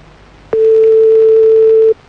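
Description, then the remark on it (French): A single steady telephone ringback tone while calling someone back, a clear mid-pitched hum lasting about a second and a half, starting with a faint click and cutting off cleanly with no talking. “On rappelle. Il y a un truc qui est bizarre avec son téléphone.”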